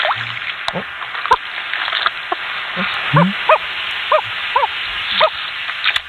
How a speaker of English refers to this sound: Sounds like a small dog. It's educational. That's a loon? Yeah. That's loon mating? Looning it up.